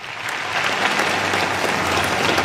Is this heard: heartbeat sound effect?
no